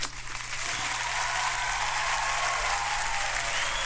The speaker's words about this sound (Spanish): Así que un saludo para los chiquillos de la carnicería Emporio Ganadera Santa Vaca. Si me están escuchando, un aplauso para los chicos.